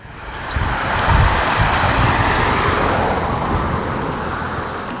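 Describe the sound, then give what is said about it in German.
Steady outdoor wind on a mild, windy, sunny Monday evening, 15 June, on the long district road through Oberplötz in Plötz, near Halle, Germany: a broad low rumble and hiss that swells slightly and stays fairly loud throughout, with gusty buffeting in the low end and no voices. “Ein milder, windiger, fast frischer Montagabend hier, der 15.”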